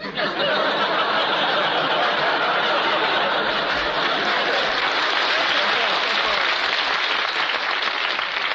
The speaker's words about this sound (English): Please, there's two ways to take that applause.